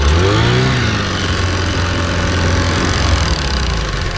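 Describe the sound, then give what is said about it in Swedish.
A small two-stroke engine revs up sharply at the start, its pitch rising and dipping, then settles into a loud, steady buzzing drone, with no voices. “Kolven blottlägger och blockerar turvis portar i cylinderväggen i takt med att avgaserna strömmar ut och ny bränsleluftblandning kommer in.”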